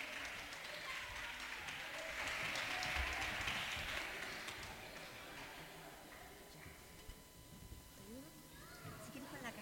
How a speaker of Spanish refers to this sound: Entonces igual un aplauso también para la organización.